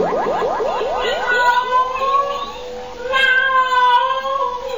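A cat meows loudly, starting with a quick string of short rising chirps, then stretching into longer, wailing yowls with brief pauses between them.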